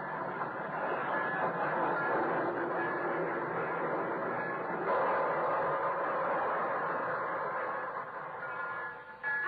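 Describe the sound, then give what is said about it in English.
A steady rumble of the train from Toronto pulling into the station on track 6, with a continuous mid-range roar and faint metallic squeals, loud and sustained throughout, easing slightly near the end. “So try Johnson's liquid wax from Racine, Wisconsin, and Brantford, Canada, where the Toronto one is just pulling in from on track 6.”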